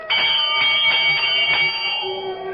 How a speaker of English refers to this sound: I'm standing in front of the great door of Carrig Cleaner, and I know that everything's going to come clear at long last. I reach out and pull the bell.